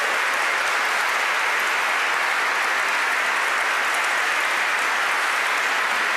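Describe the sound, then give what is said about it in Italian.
Sustained applause from an audience for all the volunteers and the choir singers, a dense, steady wash of many hands clapping at even loudness for several seconds, with no clear voices standing out. “And an applause to the volunteer and the choirs.”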